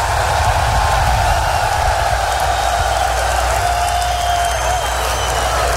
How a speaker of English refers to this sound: Clap your hands and scream, somebody.